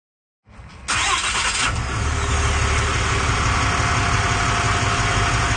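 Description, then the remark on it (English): A pickup truck engine turns over and settles into a loud, steady rumble, running continuously with no one speaking, as a resident drives the truck on a neighborhood patrol. “she joined resident Andy Hill on a patrol in his truck”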